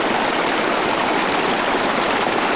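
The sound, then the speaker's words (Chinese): A steady rush of flowing water in a small stream, a continuous broad hiss and gurgle that holds at an even, fairly loud level throughout, with no voices. “我们可以看到，虽然说有一些植株的个体也是在小溪两侧，但是它的整个生活周期是需要一定时期的被流水淹没，而且一定是要流水，在进水的环境里面是没有的。”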